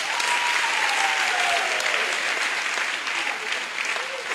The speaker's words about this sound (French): Applaudissez pour elle.